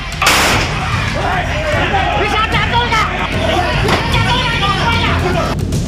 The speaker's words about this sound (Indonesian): Polisi yang datang langsung mengamankan pelaku dari amukan warga. Petugas bahkan sempat melepaskan tembakan peringatan lantaran ada warga yang tak menginginkan pelaku dimasukkan ke dalam mobil polisi.